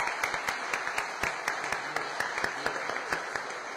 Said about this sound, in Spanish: Y así que ahí a ella, la que es el centro, la que nos lleva a Jesús, yo creo que también merece un fuerte aplauso a la Virgen del Carmen.